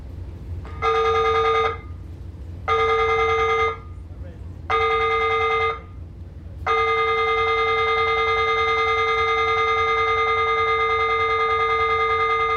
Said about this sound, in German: Feueralarm auf der RMS. Eine Übung nur, aber diese Übung immer wieder. Sicherheitsvorkehrungen erproben, das Schiff zur Evakuierung vorbereiten.